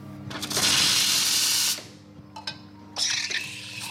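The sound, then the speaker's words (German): A coffee machine in the queer bookshop café Metis in Prenzlauer Berg is being cleaned, its steam wand hissing loudly in a long burst, stopping after a couple of clicks, then hissing again. A low mechanical hum runs underneath, and no one speaks. “reinigt die Kaffeemaschine”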